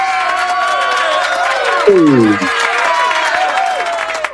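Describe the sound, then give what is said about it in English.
A crowd at a Philadelphia election commission event cheers and applauds steadily for the commission's vice chair, Lisa Dealey, a dense wash of clapping and voices with some high whoops, while a brief low voice cuts in partway through. “Let's make some noise for our vice chair, Lisa Dealey.”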